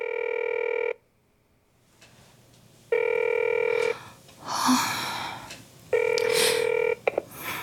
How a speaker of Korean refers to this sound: 언니는 통화 연결음이 끝나고 음성 메시지 안내로 넘어가도록 전화를 받지 않았다. 혹시나 싶어 한 번 더 걸어봤지만 마찬가지였다.